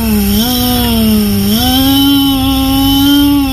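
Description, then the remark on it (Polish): A loud, continuous engine-like drone, steady and buzzy, with its pitch stepping up twice as if revving; it sounds like a voice imitating a petrol lawn mower, with no speech. “Można być też spalinową kosiarką”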